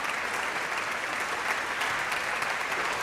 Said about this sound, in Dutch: De Nederlandse première van dit stuk. Op de dag van de componist. Hartelijk applaus voor Kate Moore.